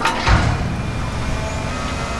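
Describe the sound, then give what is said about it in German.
Road construction on Königsbrücker Straße in Dresden's Neustadt, between Albertplatz and Bischofsweg, with an excavator digging, shovelling and lifting out stones: a heavy low thud near the start, then a steady, loud mechanical rumble and scraping noise that continues throughout, with no voices. “Da wird gebaggert, geschaufelt, es werden Steine ausgehoben.”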